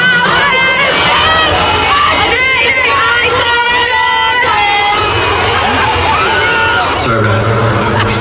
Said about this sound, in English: When he couldn't save them, he actually turned to the crowd and said, how does it go? What's the first verse? And then fans, of course, immediately started shouting the lyrics.